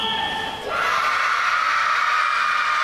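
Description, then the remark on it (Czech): A group of children at an ice rink in Holešovice, Prague, shouting and cheering together in a loud, sustained burst of high-pitched voices, answering whether they enjoyed their time on the ice, with a brief dip before the crowd noise swells and holds steady. “No tohle byla reakce dětí na otázku, jestli je předchozí desítky minut na ledě bavili.”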